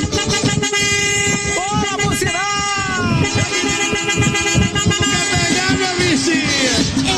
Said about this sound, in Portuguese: Vamos lá pro buzinaço, vamos?